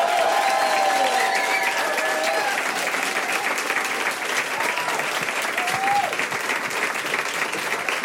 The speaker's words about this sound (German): Riesengroßen Applaus für Finn Farina.